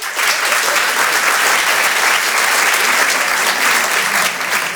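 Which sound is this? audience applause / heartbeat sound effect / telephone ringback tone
audience applause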